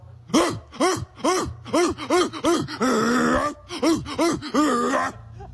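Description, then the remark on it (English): A person imitates a dog with a quick, loud run of pitched, yelping barks, broken midway by a long raspy, wheezing breath, then a few more barks. “Different dog. Was yeah, different, yeah, but no, different dog.”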